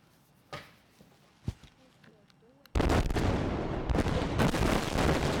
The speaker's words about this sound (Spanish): Es la explosión controlada en el Danubio a su paso por Rumanía. El objetivo, desviar más agua hacia la central nuclear de Chernavoda y así tratar de mantener en marcha su último reactor.